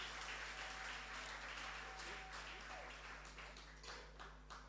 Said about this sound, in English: Good afternoon, everyone. How do you do? You look handsome and very beautiful. I want you to applaud for yourselves.